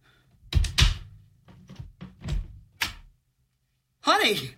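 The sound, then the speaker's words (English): A front door is opened for somebody who came to the door, with a series of hollow clunks and rattling latch sounds, followed after a short pause by a brief voiced exclamation. “It's just somebody at the door. All right, fine, I'll get it.”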